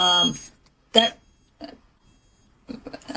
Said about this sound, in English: I think there's a alarm going off somewhere. Hold on.